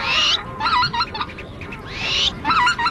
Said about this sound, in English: It's midnight, but the sun is still above the horizon, casting a golden light across the grasses and the wetlands. As far as you can hear in every direction, there are birds advertising and displaying.